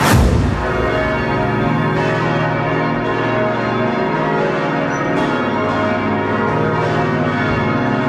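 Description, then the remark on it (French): The bells of Strasbourg Cathedral ring loudly and continuously, several bells overlapping in a dense, reverberant peal with long sustained tones and no voices. “Pour vous donner une indication, c'est les cloches de la cathédrale de Strasbourg.”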